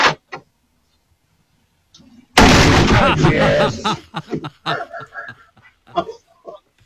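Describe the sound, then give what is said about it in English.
A sudden loud crash as a crate gives way under a man sitting on it while putting on boots, recorded by a Ring doorbell. A dense burst of cracking and splintering lasts over a second, followed by scattered voices and chuckles. “He was trying to get the boots on, right, sitting on the crate, and it didn't hold his weight, basically.”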